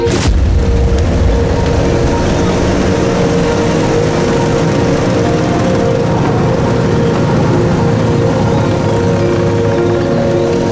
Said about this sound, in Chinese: 这摩托车队很威风嘛，看着阵仗是一点没把兄弟你放在眼里啊。 人家司令部特务队的是高人一等的衙内，他们能把谁放在眼里？